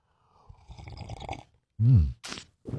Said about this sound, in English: All right, let's kick off the morning with a little coffee, a little juice, a little OJ, whatever you need to get your day off to a good start. We call it the morning slurp. You ready? All right, here we go.